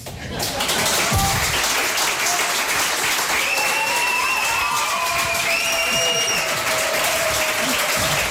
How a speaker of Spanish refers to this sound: recibidos en este reemprendimiento del programa con esta ovación tan espontánea.